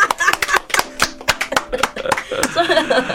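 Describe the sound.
A burst of quick, sharp hand claps in an uneven rhythm, about a dozen crisp smacks, with voices talking and murmuring underneath toward the end.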